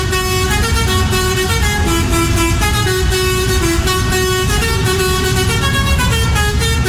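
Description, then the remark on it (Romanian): A loud horn sound effect played on radio blares continuously for several seconds, its brassy tones wavering slightly in pitch, heard alone with no talking. “Mă uitam după goarnă, după goarnă, ia pentru Ștefan.”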